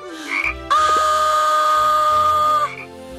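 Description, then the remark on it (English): A single loud, drawn-out frog croak lasting about two seconds with a buzzy, tonal quality, then cutting off abruptly. No one speaks over it. “A frog jumped out of her mouth.”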